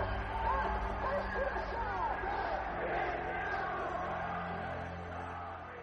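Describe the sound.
A large crowd of students shouts and yells together in a dense, continuous roar, many overlapping voices chanting wishes of death for the Shah outside Cornell hospital, heard in his room, sustained throughout and fading slightly at the end.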